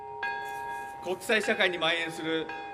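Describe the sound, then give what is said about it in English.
A single deep peace bell strike, chimed at 11:02 a.m. local time to mark the exact time a nuclear bomb exploded, before a crowd's minute of silence, rings out and hums on steadily, its long resonant tone lingering while a voice begins speaking over the fading chime. “The crowd observed a minute's silence after a peace bell chimed at 11:02 a.m. local time.”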